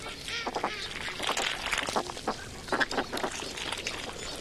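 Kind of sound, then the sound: bird, ducks quacking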